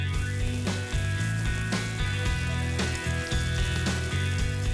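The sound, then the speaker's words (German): An unseasoned steak sizzling steadily in a well-heated pan, seared about one minute per side, a continuous crackling hiss with a few sharper pops, heard over low, steady background music. No one speaks. “Das Steak in eine gut erhitzte Pfanne geben, vorher nicht würzen. Etwa eine Minute pro Seite anbraten, bis es leicht braun ist und sich von selbst von der Pfanne löst.”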